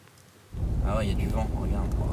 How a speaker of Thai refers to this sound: ผู้เห็นเหตุการณ์บันทึกภาพเอาไว้ได้นะคะเป็นนาทีที่พายุเนี่ยกำลังค่อยๆก่อตัวก่อนจะเป็นพายุหมุนขยายใหญ่ขึ้นเรื่อยๆ